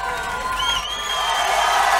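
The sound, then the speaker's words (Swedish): A concert crowd cheers and eggs on a singer heckling from the balcony above the stage, a dense roar of voices with whoops rising above it, growing louder and fuller toward the end. “Nu hör man inte vad han säger, men man hör att publiken äggar på honom.”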